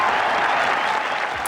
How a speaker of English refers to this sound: And what a cheer. Any moment now.